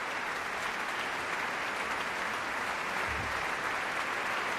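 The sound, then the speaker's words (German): Steady, dense audience applause for the percussionist at a concert, a continuous crackle of many hands clapping at an even level throughout, with no one speaking over it. “Applaus für den Schlagwerker Christoph.”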